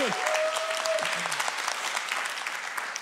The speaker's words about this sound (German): Also, das ist noch einmal euer Applaus.